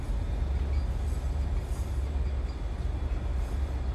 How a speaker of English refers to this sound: The train streaks through the countryside.